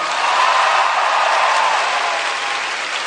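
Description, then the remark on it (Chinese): A large audience claps steadily and loudly for all the performers on stage, a dense, sustained wash of applause that holds at an even level throughout with no voices rising above it. “希望用你的掌声多谢我们舞台上方所有表演的朋友，多谢。”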